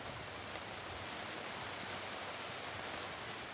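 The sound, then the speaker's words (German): Steady summer rain hisses down outdoors on the day before a festival, a dense, even wash of patter with no pauses and no voices, constant in loudness throughout. “Mangold ist schon gewaschen, aber muss es jetzt gerade regnen?”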